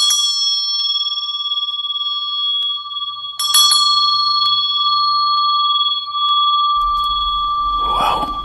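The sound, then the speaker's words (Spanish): A bell rings continuously with a steady, sustained metallic tone, with a few sharper strikes partway through and some low rumbling near the end; loud, no speech. “El otro extremo del hilo se ataba a una campana que quedaba en la guardia, de manera tal que si la persona se movía y reaccionaba, iba a hacer sonar la campana.”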